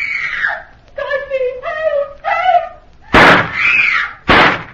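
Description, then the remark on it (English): High, wavering screams and wails give way to two loud, sharp gunshots about a second apart, each a sudden full-bodied crack, with another anguished cry between them. “Hurry, Ali. Those shots. That scream.”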